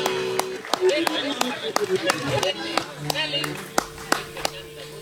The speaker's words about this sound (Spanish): Buen aplauso. ¡Maestro! ¡Buena!